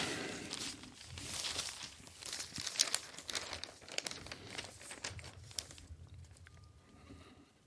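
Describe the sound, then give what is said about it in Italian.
Newspaper rustling and crinkling, with bursts of crisp crackles and swishes as large newspaper sheets are handled and pages turned, fairly quiet and continuous over several seconds. “Questa è pagina 6, pagina 3, pagina 2.”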